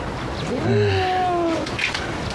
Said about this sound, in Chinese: 是我们楼下的流浪猫叫了快一天了，这么大的肚子，可能是要生小宝宝了，救救它吧。